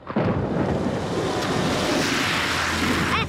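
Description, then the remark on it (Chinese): A motorcycle tears through deep rainwater in a puddle, splashing a pedestrian and throwing up a loud, sustained rushing splash that hisses steadily for about three seconds before cutting off. No one speaks. “你这车怎么开的呀？你溅我一身水，你给我回来！”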